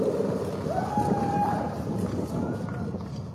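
A crowd applauds in a steady, dense patter of clapping that holds at an even level throughout, with a brief high-pitched whistle rising through it early on.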